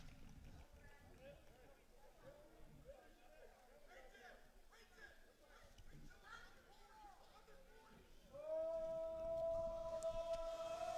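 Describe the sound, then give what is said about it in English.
A large crowd roars in a big stadium at an American football game as Rushford Peterson takes a final knee to win, a dense, steady wash of cheering voices, and a loud sustained horn-like tone joins in near the end. “And as you hear the crowd roar, Rushford Peterson, one more knee away from winning this one.”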